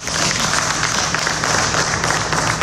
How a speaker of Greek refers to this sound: Συγγενείς και φίλοι χειροκροτούν τον ιατροδικαστή Χανίων την ώρα που αποχωρεί από το δικαστικό μέγαρο συνοδεία αστυνομικών.